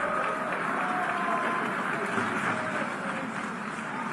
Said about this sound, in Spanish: Apenas lo anunciaron, inmediatamente el abucheo, ¿no? Primer ministro del Estado de Israel. Solicito a protocolo tenga bien escoltar a su excelencia, a quien invito a dirigirse a la asamblea. Ahí están las protestas, ya, el rechazo, el abucheo.